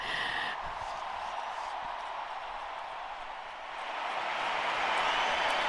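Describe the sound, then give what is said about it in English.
Steady clapping from many hands, Pope Leo among them, at a gathering of the Church of Madrid, blends into a dense, continuous wash of applause, holding level for several seconds before swelling a little louder toward the end. No one speaks over it. “Pope Leo is clapping.”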